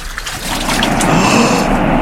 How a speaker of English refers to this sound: The water! It is parting, and we can cross on dry land.